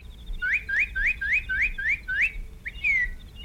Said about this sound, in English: Hey, did you hear that? What? A cardinal. What of it? They're day birds.